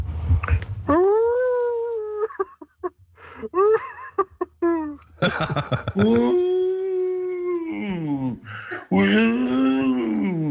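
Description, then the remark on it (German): Several callers take turns imitating wolf howls over the phone to cheer on an ice hockey team, long rising and falling voiced wails with a few short yelps in between, loud, with a phone-line sound. “Ja, wir brauchen hier richtig schönen Wolfssound, so wie wir den aus der Arena kennen.”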